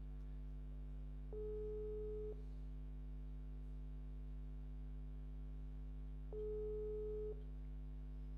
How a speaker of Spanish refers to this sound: Ahí está sonando su teléfono.